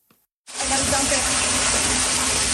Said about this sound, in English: The water came from everywhere, a back-to-back deluge in the Niagara region, dropping an astounding amount of rain.